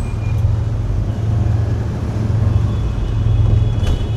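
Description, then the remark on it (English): Dense motorbike and moped traffic in Ho Chi Minh City in the late afternoon, bikes loaded with families and cargo, a steady loud drone of many small engines humming and buzzing together without a break, with no voices. “Around us, the motorcycles, mopeds, and even more motorcycles swarm, loaded with extended families and curious cargoes, moving with the logic of a running river, exploiting any weakness in the terrain to forge a new stream.”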